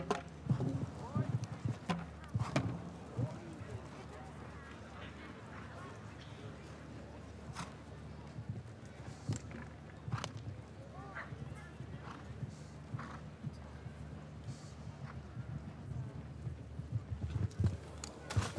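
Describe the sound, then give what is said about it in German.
Horse hooves gallop in a steady rhythmic thudding across the whole stretch, with a man's voice talking over them and some sharper knocks now and then, as a female rider rides a show-jumping round at the Derby ground in Hamburg, Germany. “Das ist nicht so vortrefflich hingeritten. Auch hier nicht. Die lässt das Pferd so ein bisschen alleine.”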